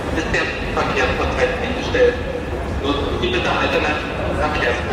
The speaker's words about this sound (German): Bahnen halten auf freier Strecke, an Bahnsteigen stehen Züge still. Menschen hasten ratlos durch Bahnhöfe. In ganz Deutschland ging ab dem späten Abend nichts mehr im Bahnverkehr, wie hier am Berliner Hauptbahnhof.